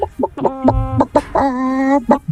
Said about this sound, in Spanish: Acá hay ciencia acá, ¿eh? Eso es un pollo.